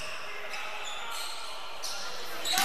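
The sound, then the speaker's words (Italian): A basketball being dribbled by a player during a basketball game on a court, its bounces partly buried under steady arena crowd noise that swells louder near the end. “deve palleggiare.”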